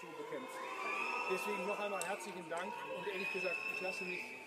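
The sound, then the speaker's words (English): A crowd in the small western town of Guy boos Chancellor Merz loudly and steadily as he appears to thank emergency workers who battled a large wildfire, many voices jeering together over the whole stretch, with scattered shouts and a few high whistles rising above the din. “And here, quite clearly, you can hear the crowd booing him.”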